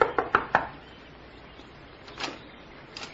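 Four quick, sharp, clear knocks on the wooden door of a small shack on the outskirts of the village of Crowborough, followed by a quiet stretch with a couple of soft, muffled shuffles.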